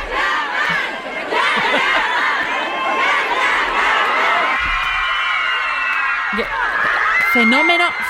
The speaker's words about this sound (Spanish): No, ahí estaba pues la ciudad, miles de personas, Mara, y fuera del aeropuerto. Vamos a escuchar cómo gritaban Can Yaman y gritando. Era así, …, pues Can Yaman.